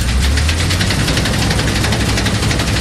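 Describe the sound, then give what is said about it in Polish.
A heavy old combine harvester engine from the 1970s rumbles steadily, loud and continuous, with a deep low throb and a rattling, knocking texture. Nobody speaks. “ja mam dosyć stary kombaj, bo pochodzi z lat 70.”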